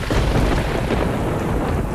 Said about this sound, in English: Same thing here. There was a gap between when the missile strikes and when we hear it.